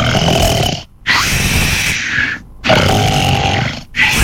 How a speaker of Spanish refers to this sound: Ronquido número tres.